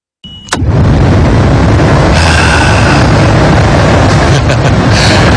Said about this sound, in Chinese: 就光是听下空调的声音，真的都身上皮肤各方面都有感觉的嘛，朋友。